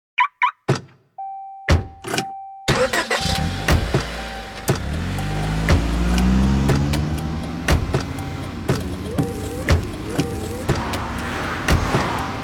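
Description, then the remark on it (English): A couple of thunks and a steady chime, then a car engine starts and revs up, settling into a running drone as it drives off, with sharp clicks scattered through. “Driving has a rhythm all its own.”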